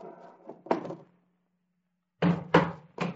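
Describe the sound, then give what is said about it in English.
A hammer taps at door hinge pins to take the door off its hinges: a few rustles and one sharp knock, a pause, then three loud strikes in quick succession, with no talking. “Hey, what are you trying to do to that door? Take it off the hinges.”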